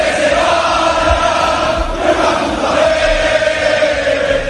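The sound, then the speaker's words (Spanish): A large stadium crowd of Valencia supporters roars and chants against the club's management in a loud, continuous mass of shouting voices, with the din rising and falling slightly but never letting up. “De la Liga a la Liga de Campeones y de la Liga de Campeones a la Liga otra vez, porque en Valencia se escuchan muchos gritos contra la dirección.”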